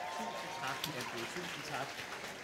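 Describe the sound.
A steady wash of crowd clapping, dense and continuous, with a murmur of voices mixed in throughout the short stretch, as an audience applauds a guest from the radio channel P2 arriving on stage.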